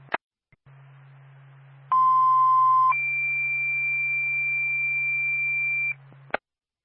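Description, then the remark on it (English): A two-tone fire dispatch radio paging alert calling the Barnett Fire Department to a fire alarm activation: a steady lower tone for about a second, then a longer, higher steady tone for about three seconds, over a low hum and framed by transmitter clicks. “Stand by for tone.”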